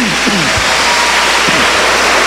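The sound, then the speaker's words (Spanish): An audience applauds loudly, a dense, steady roar of clapping hands that fills the whole clip, with a few voices calling out underneath. “Bueno, aplauda fuerte, diga gloria a Dios.”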